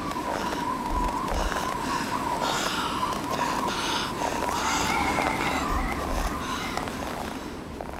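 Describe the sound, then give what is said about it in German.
Heavy, wheezing breaths of a woman carrying a heavy bundle on her neck as she walks into the dark city pant steadily, a rough continuous rasp with no pauses, alongside faint shuffling like hurried footsteps and no talking. “Sorgfältig mit dem großen Schlüssel verschloss sie die schwere eichene Tür, steckte ihn in ihre Ledertasche und ging dann keuchend in die finstere Stadt hinaus.”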